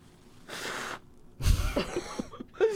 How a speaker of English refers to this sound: Dude, don't blow your nose in the microphone. That's gross. You're going to get the germs all over the mics.